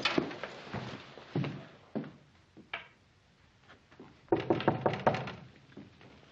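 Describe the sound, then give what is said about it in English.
Sharp knocks on an unlocked wooden door, fairly loud, coming in short groups: a few raps, scattered single hits, then a quick burst of several more after a pause. No voices. “Who is it? It's Ben, Andy. Oh, come on in, Ben. The door's not locked.”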